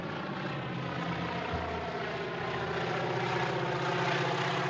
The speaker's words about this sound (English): And then, of course, he sees this little plane appearing in the distance, you know, dusting crops. And you realize that the plane is there to kill him.